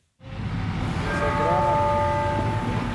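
Busy outdoor ambience on the square in front of the Sagrada Familia in Barcelona, at a metro exit by the Nativity facade where a small crowd has gathered: a steady low rumble and wash of noise, overlaid by faint sustained tonal whines like train or horn sounds; no clear voices stand out.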